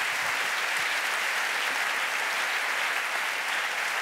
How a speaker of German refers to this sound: Applaus für eure kreativen Antworten, das habt ihr ganz, ganz prima gemacht.